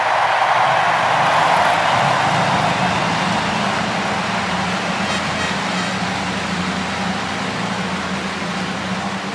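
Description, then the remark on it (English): The engines of all 33 race cars at the 107th Indianapolis 500 start up together on the main straightaway, a dense, continuous loud roar with a steady low rumble and broad hiss that holds throughout without any talking. “No better moment in all of sports as the 33 cars roar to life on the main straightaway.”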